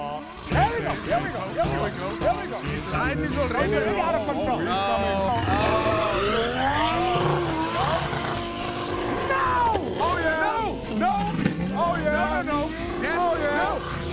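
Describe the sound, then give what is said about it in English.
A video-game car engine revs and whines steadily as the car drives to knock over as many bins as it can, its pitch sweeping up and down as it accelerates and slows, with loud, busy overlapping sounds and voice-like noise throughout. “You've got to knock over as many bins as you can. So, hop in your car.”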